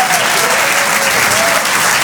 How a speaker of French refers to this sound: On peut les applaudir très fort, les grandeurs nature.